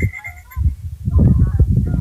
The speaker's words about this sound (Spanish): Bueno, aquí se logra el sonido, los patos. De todo.